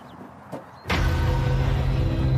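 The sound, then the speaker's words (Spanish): After a brief quiet moment and a small click, a hydraulic rescue cutter, used to cut open cars and able to exert 18,500 kilos of bite force at its tip, starts up abruptly to be tested on a cow bone, its pump motor droning loudly and steadily with a low humming whine. “esta cosa puede generar 18.500 kilos de fuerza de mordida en solo esa punta”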